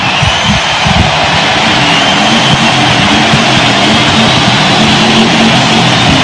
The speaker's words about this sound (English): Harley got a little shrill pipes going. It's really got some noise.